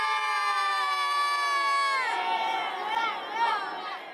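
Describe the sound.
Children of the world-champion team at a children's football event cheer and shout together in a loud, high-pitched crowd, a sustained chorus of voices that breaks into excited, wavering yells and whoops after about two seconds.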